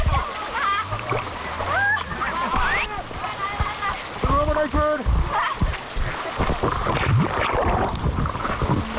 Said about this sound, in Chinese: 游客的船猛地撞上岸边礁石，瞬间在水面上打起转来，紧接着便是一处高落差降速，一道大浪劈头砸来，船瞬间被汹涌的浪涛猛地掀翻，整船人连人带船翻进了河水里。